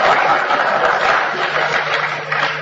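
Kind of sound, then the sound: crowd, applause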